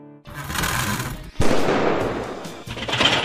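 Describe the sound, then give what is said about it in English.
A heating and cooling system gives a sudden loud bang, then a harsh, rattling buzz that drones on steadily, with no voices present. “Loud bang, then buzzing. Relax. It's not a ghost. It's your HVAC system.”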